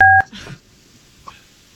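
A single loud, short phone keypad tone sounds at the very start as a phone call is being placed, followed by faint handling noise and a soft click, then near silence.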